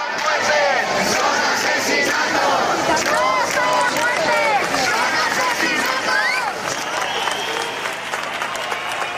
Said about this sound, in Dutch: Het zijn geen sterfgevallen, het zijn moorden, dat roepen de demonstranten.